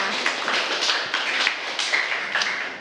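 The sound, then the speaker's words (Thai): Classroom applause for a student group that presented on the topic 'clean desk, clear mind': a group claps steadily for about three seconds, a dense, bright patter of many overlapping hand claps at an even level, with no voices over it. “โต๊ะเรียนสะอาดสมองปลอดโปร่งขอเสียงปรบมือให้กับกลุ่มนี้ด้วยค่ะ”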